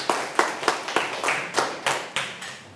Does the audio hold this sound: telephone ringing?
no